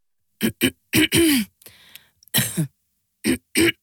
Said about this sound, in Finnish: Hei, älä suotta köhi.